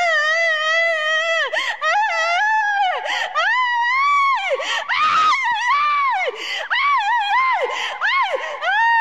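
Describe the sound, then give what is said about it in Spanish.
A person screams loudly and continuously in long, wavering, high-pitched wails that rise and fall during a deliverance session at the Iglesia Pentecostal La Cosecha in Olmos on Friday, 23 January 2026, with brief breaks between cries and faint background commotion. “¿Qué te está pasando, Satanás? ¿Qué grito?”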